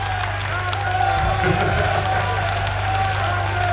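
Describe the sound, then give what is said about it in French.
A live audience applauds and cheers steadily throughout, a dense wash of clapping and crowd noise over a low electrical hum, with murmured voices mixed in. “Avec les applaudissements, c'est encore mieux, c'est terrible.”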